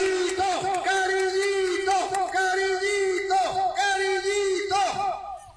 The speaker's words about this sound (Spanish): Y pido un fuerte aplauso para Cariñito, nuestro gobernador.